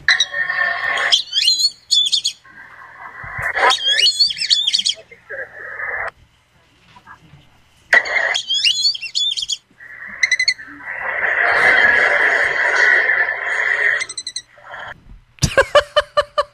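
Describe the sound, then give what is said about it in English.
Whistling duck calls: several clusters of high, thin, multi-note whistles repeated in bursts over a steady hissing background, with a rough noisy stretch and a few sharp clicks at the end. “We need to hear the whistling duck again.”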